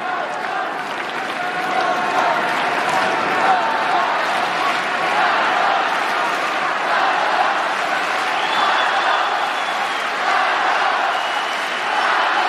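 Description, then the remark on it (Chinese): A large stadium crowd at a tennis match between Zverev and Cobolli cheers and applauds continuously after a 20-shot rally, a dense, loud wash of clapping and voices that holds steady for the whole stretch without fading. “刚才这个多拍啊，也点燃了现场观众的激情。”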